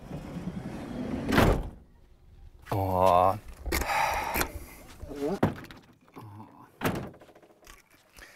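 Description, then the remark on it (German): A camper van door is pulled shut with a sharp, heavy thunk, followed by a few more knocks and rattles, while a person speaks briefly. “Ach so, muss ich die Tür zumachen?”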